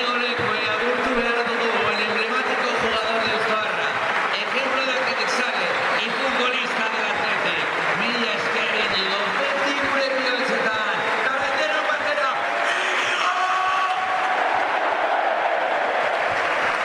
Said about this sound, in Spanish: Y ahora, claro, el homenaje es para Íñigo Leque. Se lo va a entregar Valverde e Iñaki Williams, que le dice que paren, que notan al centro del campo. Y ahí está el aplauso de San Mamés para el de Deusto.